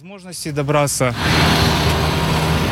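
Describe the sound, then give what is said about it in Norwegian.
A voice speaks briefly, then gives way to a steady rumble of a long queue of idling cars down the street at a petrol station in Sevastopol, Crimea, half an hour before it opens, a continuous engine drone with faint hum layered over it. “Det er en halvtime til denne bensinstasjonen åpner i Sevastopol, men det er allerede en lang kø av biler nedover gata.”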